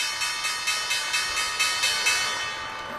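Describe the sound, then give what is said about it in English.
A stock exchange opening bell rings in the trading day on a Thursday, a bright metallic clang repeating about four times a second before trailing into a sustained ring. No voices are heard. “So let's just listen into the bell.”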